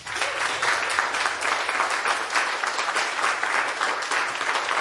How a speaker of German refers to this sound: Einmal Applaus bitte für Erik Leuthäuser.